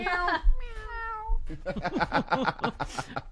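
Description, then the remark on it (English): A person mimics a small, drawn-out cat meow, a single soft falling cry, and then talking starts right after it. “It's just a little meow. I lost my roar.”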